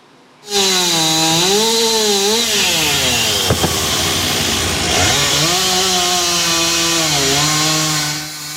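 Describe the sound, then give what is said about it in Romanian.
A chainsaw runs steadily at high revs, its pitch dipping and rising as it cuts a large fallen tree into pieces to clear Râul Doamnei street in Drumul Taberei, Bucharest, after the tree fell on a parked car and trailer. A sharp crack comes midway as a piece gives way. “Copacul a fost tăiat în mai multe bucăți pentru a elibera strada.”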